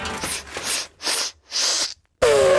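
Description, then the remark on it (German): An elephant sneezes, likely from dust stirred up by an explosion, in a run of four loud, breathy, hissing bursts, each lasting a fraction of a second. After a brief silence, a sudden loud tonal sound cuts in at the end. “Oha, hoppala Gesundheit, Elefant. Ja, das war jetzt wahrscheinlich einfach nur ein Nieser, weil hier durch die Explosion eben so viel Staub aufgewirbelt wurde.”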